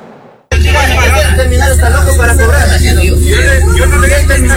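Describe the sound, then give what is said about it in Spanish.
Busy ambience at the Quitumbe bus terminal: a steady, loud low engine rumble from idling buses beneath a dense crowd babble of many overlapping voices, starting abruptly after a brief quiet moment. “Ante esto, nuestro equipo recorrió el terminal Quitumbe justamente para medirle el pulso al panorama actual ante la entrada en vigencia de esta medida.”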